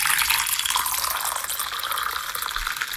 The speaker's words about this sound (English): Now, was that a clip of someone pouring a coffee or someone not peeing into a toilet? That's a coffee.